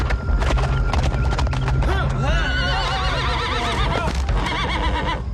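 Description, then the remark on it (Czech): A horse whinnies loudly with a long, wavering neigh, while sharp hoof clops ring out at the start and continue underneath. “Tiše ho strhněte z koně a smažte ho.”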